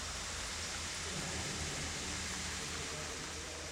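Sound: flowing water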